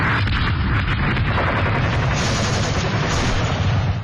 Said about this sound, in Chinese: 1933年夏，沿着中央苏区越来越缩小的边界，枪炮声再次隆隆作响，国民党军对中央苏区的第五次围剿开始了。